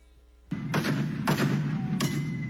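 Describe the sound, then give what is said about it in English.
A woman smashing a car: four heavy, booming blows land at uneven intervals, each a loud crunching impact that rings out over a continuous low rumble, with no voices. “That's her smashing a car.”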